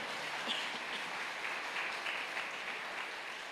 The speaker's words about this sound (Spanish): ¿Cuánto le damos ese fuerte aplauso a nuestro Rey Celestial? Amén.